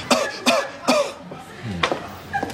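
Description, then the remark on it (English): Several short, sharp coughs: three in quick succession, then a brief pause and a couple more spaced out. No talking. “Two quick coughs.”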